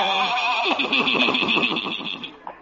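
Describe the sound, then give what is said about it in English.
A horse pulling a buggy whinnies loudly, a single long, quavering neigh that wavers up and down for about two seconds before trailing off, with no talking over it. “Ye gods, old Doc Yak Yak and his horse and buggy. Whoa, children.”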